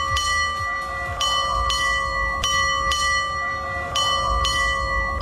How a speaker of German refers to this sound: Ja, 4 Doppelschläge und ein Einzelner. Also 9 Glockenschläge insgesamt. So wusste man früher auf dem Segelschiff, dass es jetzt gerade 8:30 Uhr ist.